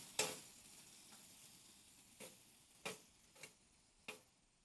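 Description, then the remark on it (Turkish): Bosnian meatballs (köfte) frying in a pan, a steady low sizzle punctuated by five or six sharp crackling pops at irregular intervals, fairly quiet, with no voices. “Ve çok güzel de sağlıklı bir şekilde kızartıyor.”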